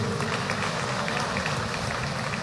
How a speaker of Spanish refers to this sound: ¿Han aplaudido?